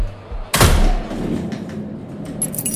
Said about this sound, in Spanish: están sonando ahora los primeros cohetes en este último día de fiesta mayor aquí en Sahel.